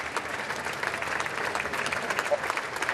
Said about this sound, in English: He was greeted with applause when he left Downing Street. I left number 10 to give the speech. Now applause echoes as he leaves and heads towards Buckingham Palace.